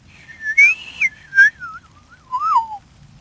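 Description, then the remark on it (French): A person whistles an imitation of a woodpecker's spring call: one clear, wavering phrase that rises, then slides downward over about three seconds, punctuated by a few brief sharp bursts. No talking. “Puis le printemps, il siffle comme un monsieur, lui.”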